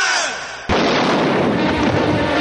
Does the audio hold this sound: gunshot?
yes